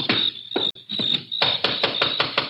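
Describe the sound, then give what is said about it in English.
Loud, heavy knocking on a door, about eight firm blows in two uneven bursts, with a steady high-pitched chirring or whine running underneath. “And we'll know when he answers the door.”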